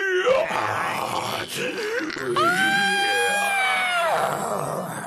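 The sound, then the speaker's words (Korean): In a scene from the film Zombie Daughter, a girl imitates a zombie with bizarre, strained groans that break into a long, wavering shriek, loud, as she twists her arms and legs and rolls her eyes back, filling about five seconds without a pause. “갑자기 기괴한 소리를 지르며 팔과 다리를 꺾고 눈동자를 뒤집었다.”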